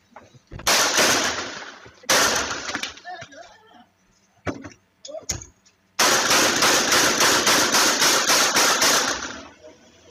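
Loud, close-range gunshots from a helmeted shooter firing at a victim from behind ring out in harsh bursts: two short volleys, a few scattered shots, then a long rapid string of about ten shots. Faint muffled sounds fill the gaps.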